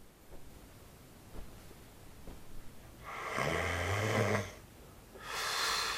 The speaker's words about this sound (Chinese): 你看那混的呼噜打的人能睡着不？